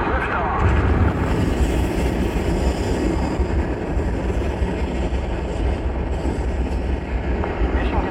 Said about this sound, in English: We have main engine start. 5, 4, 3, 2, 1.